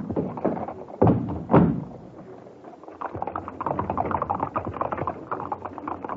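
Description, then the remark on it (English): A horse-drawn four-wheeler cab, hailed to carry passengers to an address, drives off: two heavy thuds like a carriage door shutting, a brief lull, then a steady rhythmic clatter of hooves over a low rolling rumble of wheels. “We'll take a four-wheeler. Cab! Wait, sir. Drive us to the address on this piece of paper.”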